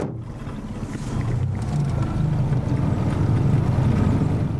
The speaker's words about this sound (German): Dass nun gar kein Lüftchen weht, hatten wir nicht erwartet. Also motoren wir wieder.